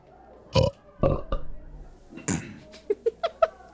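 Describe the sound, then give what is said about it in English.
A few short, guttural belch-like bursts, fairly loud, followed by a quick run of four brief, chirpy vocal squeaks rising in pitch. “Was that a belch?”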